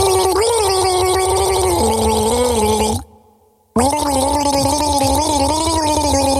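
Loud, bubbly gargling with a voiced, wavering tone that steps between pitches like a gargled tune, running in two long stretches split by a brief pause.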